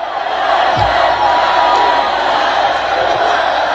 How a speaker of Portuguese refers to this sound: Ele foi vaiado, né, gente? Palavras de ordem aí e tudo mais...